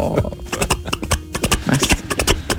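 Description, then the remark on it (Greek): Hooves of several horses clip-clop in quick, uneven rhythm as they pass by, the sharp knocks overlapping, with faint background murmur underneath. “Ναι, άλογα να περνάνε. Πόσα άλογα είναι.”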